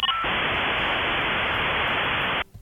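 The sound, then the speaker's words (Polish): A brief tone gives way to a steady, loud dial-up modem line hiss that runs for about two seconds, then cuts off abruptly as the connection drops, leaving near silence. “Takie coś, co było przed momentem, to oznaczało, że tam jakieś zerwanie było, bo to powinno już tak nam szumieć tak cały czas.”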